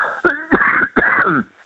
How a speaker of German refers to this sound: Das ist mein Husten, wie gesagt.